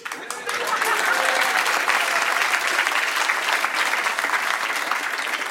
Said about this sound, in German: Dankeschön, ein liebenswerter Applaus zu Beginn. Danke.